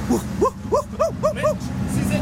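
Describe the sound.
A voice mimics a company car speeding toward a woman, with five quick rising-and-falling whooshing tones in a steady rhythm over a low rumbling background, fairly loud.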